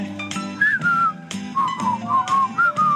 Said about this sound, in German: Guck mal, jetzt kannst du pfeifen eigentlich.